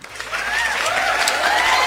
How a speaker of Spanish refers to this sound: Obvio que vale ese aplauso, más que nunca.